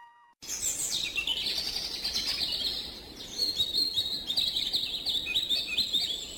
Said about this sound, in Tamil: இங்கே பார், பூச்செடிகளின் அழகும் பறவைகளின் ஒளியும் வண்டுகளின் ரீங்காரமும் மனதுக்கு எவ்வளவு விதமாக இருக்கிறது பார்.